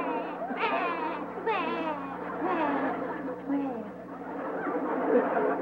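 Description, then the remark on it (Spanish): A boy, the character El Chavo from the show El Chavo del 8, cries loudly in drawn-out, wavering wails and whimpering sobs, the pitch rising and falling, continuing without pause for several seconds, because he could not sell a lottery ticket. “lo que quiere saber, porque está llorando el chavo.”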